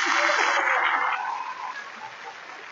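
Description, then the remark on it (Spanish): A crowd applauds the chilangos (people from Mexico City) among them in a dense, crackling burst of clapping that starts loud and gradually thins out and fades over a few seconds. “A ver, denles un aplauso a esa chilanguiza.”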